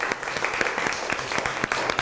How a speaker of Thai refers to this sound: ตอนนี้ขอเสียงปรบมือให้กลุ่มที่2ครับ